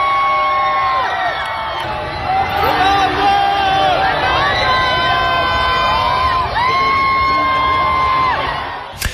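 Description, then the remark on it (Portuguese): Dozens of fans outside the national football team's hotel in Toronto shout and cheer continuously as Cristiano Ronaldo, Diogo Dalot and Francisco Conceição wave from the window, with rising whoops and high-pitched screams swelling in waves over a dense babble of voices, loud throughout. “dezenas de pessoas a gritarem no momento em que Cristiano Ronaldo, Diogo Dalot e Francisco Conceição foram à janela acenar.”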